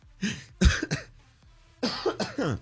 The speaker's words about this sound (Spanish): Ya después no me ande haciendo reír. Siendo bien malo de la gripe y de la tos. No me ande haciendo reír, señor productor, por favor.